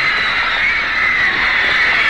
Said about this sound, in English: It must be true, it must be true. Women scream.